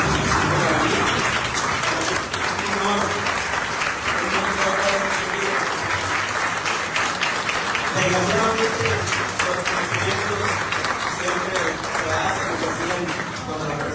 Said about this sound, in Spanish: Me voy a parar, creo que vamos a dar un aplauso a estas personas que están acá.